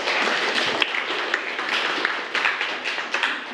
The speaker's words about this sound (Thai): ปรบมือให้เพื่อนด้วยครับ